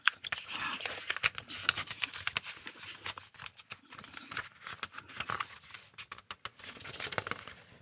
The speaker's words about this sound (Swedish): Då bläddrar jag lite. Ska vi se vad vi hittar där.